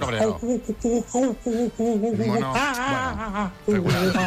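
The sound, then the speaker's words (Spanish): A person imitates an angry monkey, letting out loud, rapid chattering shrieks with wobbling pitch in several bursts, the last rising into a sharper screech. “Mono cabreado.”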